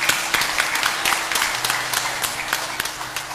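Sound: audience applause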